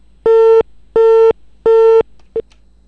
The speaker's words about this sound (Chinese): 这么随意的打了个电话参与了个节目，还占用了这么宝贵的时间，然后最后呢，因为翻找电话自己操作不当，电话又掉线了，很遗憾。